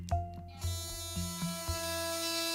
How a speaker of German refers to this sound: So sieht man, in welchem Modus sich die Zahnbürste gerade befindet. Zuerst der Clean-Modus.